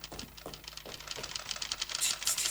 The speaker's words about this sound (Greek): Πώς είναι αυτό? Οι γραφομηχανές, κύριε. Πώς είναι δυνατόν να τις ανεχθώ με τόσα νεύρα?